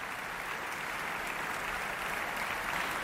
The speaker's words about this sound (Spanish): Ludovic Morlot agradece los aplausos saludando desde el podio.